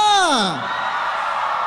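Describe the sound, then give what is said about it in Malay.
A loud, high whoop slides downward in pitch, then gives way to a steady, dense roar of the audience cheering at the 80-70 concert at ITCC Penampang at night, holding at an even level to the end. “Ya, sebelum kita mulakan konsert 80-70 kita malam ini, kita mau dengar dulu sorakan yang padu daripada penonton-penonton yang hadir di ITCC Penampang pada malam ini.”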